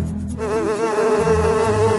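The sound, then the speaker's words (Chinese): A dense, steady drone of many bees buzzing by their hive, fairly loud, with layered wingbeat tones that waver slightly throughout, rising in after a brief quieter start. “蜜蜂们好像受到那个黑影指挥一样，让出了一个缺口”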